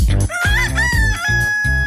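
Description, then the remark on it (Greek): A rooster crows loudly, one long strained cock-a-doodle-doo with a rising, wavering call that holds for nearly two seconds, with no voices around it. “Απ' το πρωί τους ακούν και τα κοκόρια.”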